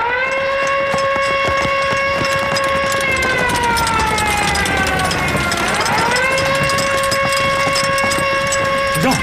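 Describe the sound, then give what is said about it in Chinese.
An alarm siren sounds to call the guard platoon to assemble and catch a spy on the spot: a loud, continuous steady droning tone whose pitch sags and swoops back up partway through before settling again, with a rough, noisy bustle underneath. “警报！警卫排全体集合，现场抓特务！”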